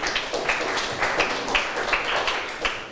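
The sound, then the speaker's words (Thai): A group of students in a lesson clapping for themselves at the teacher's request for about three seconds, a steady, dense patter of overlapping claps at a moderate level with no one talking. “นักเรียนเก่งมากปรบมือให้ตัวเองหน่อยค่ะ”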